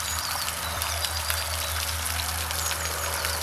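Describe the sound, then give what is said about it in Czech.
Steady splashing of a fountain in the English park surrounding the chateau in Bílé Poličany, Podzvičinsko: a continuous hiss dotted with tiny droplet patters, over a low constant hum. No voices, and the level stays even throughout. “A my už se spolu jdeme sklidnit, projdeme se parkem a zaposloucháme se do zvuku té fontány.”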